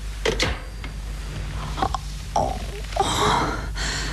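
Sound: gasping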